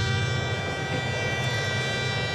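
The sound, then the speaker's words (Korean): A steady, distant rumble of a passing train, low and constant with a faint metallic hum on top, holding an even level throughout with no voices. “무거운 발걸음으로 터벅터벅 집으로 오는데 저 멀리서 기차 소리가 들려왔습니다.”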